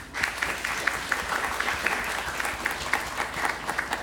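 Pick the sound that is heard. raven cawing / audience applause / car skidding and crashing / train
audience applause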